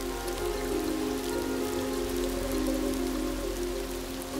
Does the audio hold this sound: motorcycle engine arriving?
no